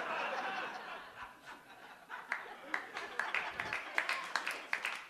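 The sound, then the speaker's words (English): A single audience member at a comedy show claps alone, roughly a dozen sharp, evenly spaced claps, rising over a low wash of crowd laughter and murmuring that starts before the clapping. “Me and one person clapping are going to Denny's after this show.”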